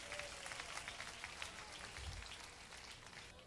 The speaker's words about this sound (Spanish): Y dándole un aplauso fuerte a Cristo, todos podemos tomar asiento.